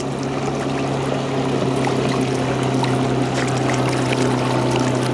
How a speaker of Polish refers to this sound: No, taki trochę większy obiekt pływający. Statek, tak. Statek, pięknie, brawo.